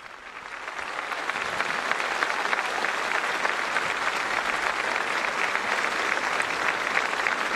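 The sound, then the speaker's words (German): Thunderous applause from a large crowd at a papal Holy Mass in the port of Santa Cruz de Tenerife, a dense, steady roar of clapping that swells in the first second and holds loud and even throughout, with no voices standing out. “Und tosender Applaus.”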